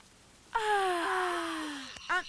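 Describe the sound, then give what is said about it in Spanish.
A person imitates a long, exaggerated yawn of a big, clumsy ogre: a drawn-out, breathy vocal groan that slides downward in pitch for over a second, then ends in a short, quick vocal sound. “Y luego el enorme y torpe ogro lanzó un enorme y torpe bostezo.”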